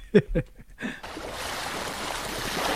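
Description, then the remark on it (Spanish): A steady, rushing wash of sea waves swells in after a second and keeps roaring evenly to the end, preceded by a few short voice sounds. “Olas, el mar, sí, muy bien.”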